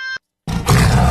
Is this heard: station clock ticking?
no